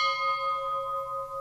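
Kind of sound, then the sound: signal or alarm, church bell tolling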